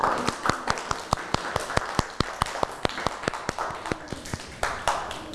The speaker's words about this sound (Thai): วันนี้เด็กๆทุกคนยอดเยี่ยมมากเลยปรบมือให้ตัวเองหน่อยค่ะ